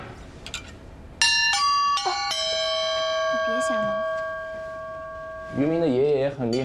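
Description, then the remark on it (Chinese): Several bright, pitched metal chimes of a yunluo cloud gong, an instrument used in Shifan ancient music, are struck in quick succession, each ringing out and sustaining with a long shimmering decay, followed by a person's voice at the end. “云锣，没见过吧？我知道，确实挺少见的。”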